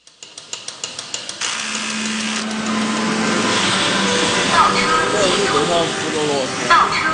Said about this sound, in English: Chinese factories echo with a rhythm created by both man and machine. There are even robots to transport goods around the building, and they don't stop talking.